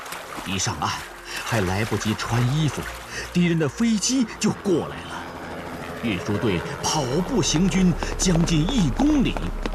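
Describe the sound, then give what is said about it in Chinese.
Water sloshes and splashes steadily beneath a voice speaking continuously as a group of people wade into a river in midwinter, carrying grain carts across, while a northwest wind blows light snow and thin ice floats on the river; the splashing stays in the background while the speech stays clear and forward. “大家都跟着下了水。隆冬时节，西北风卷着小雪，河上还漂浮着薄冰块。”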